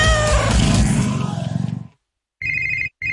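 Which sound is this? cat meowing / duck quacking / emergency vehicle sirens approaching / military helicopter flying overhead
cat meowing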